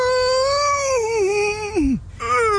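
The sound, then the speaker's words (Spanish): A voice imitates a bear defecating abundantly with a long, strained, wavering vocal hum that sags and then plunges into a low grunt, followed by a short renewed strain. “Nomás que el oso hacía así, abundante.”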